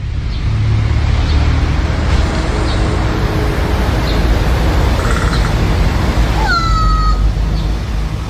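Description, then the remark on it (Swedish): A crow, perched up in a tree or on a roof edge in central Tampere, gives a brief clattering, castanet-like rattling call, then a single drawn-out cat-like meow, heard outdoors over a steady rush of wind or traffic. “Ja, nu ska jag säga att det är en kråka som sitter uppe i ett träd eller på en takkant och tränar på sådana här ljud som den har blivit förtjust i.”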